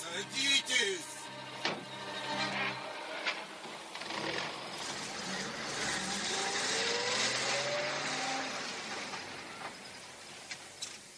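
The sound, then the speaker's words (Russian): A car engine starts up and revs, its pitch rising as the vehicle pulls away and fades out, with a few sharp clunks early on. “Садитесь в машину.”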